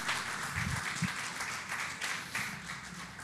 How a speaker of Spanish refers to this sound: ¿Cuántos le dan un fuerte aplauso a Dios?